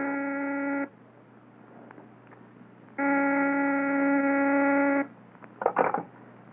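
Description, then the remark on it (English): A telephone rings twice in long, steady electronic bursts with a pause between, followed by a brief clatter as the receiver is picked up. “Mr. Van Dyke is on the phone.”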